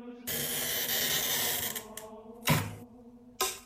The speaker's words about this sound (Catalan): Aquesta és probablement una de les parts més reconeixibles del procés. La rolina, o el tallavidres, permet marcar sobre el vidre exactament per on haurà de passar el tall. No es tracta de tallar a ull.